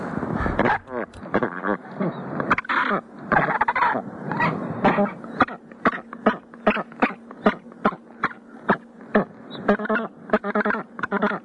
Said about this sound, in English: The Snares Crested Penguin.